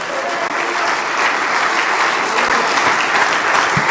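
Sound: audience applauding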